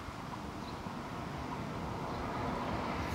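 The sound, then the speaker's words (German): A steady roar of traffic on a busy federal road (Bundesstraße), heavy in the low end, rumbles on without pause as vehicles pass continuously. No voices are heard. “Die bleiben sogar auf solchen Straßen mit viel Verkehr entspannt.”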